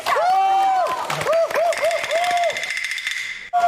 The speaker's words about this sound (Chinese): 来点掌声鼓励鼓励。